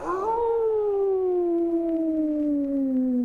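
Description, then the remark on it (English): A single long wolf-like howl, voiced by a person, rises briefly then slides slowly downward in pitch for about three seconds, loud with no talking over it. “but the wolf man does. Let me get a owl.”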